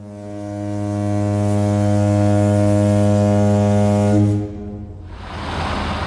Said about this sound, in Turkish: Duydunuz mu? Vapur düdüğünü çaldı. Adalara doğru demir alıyoruz.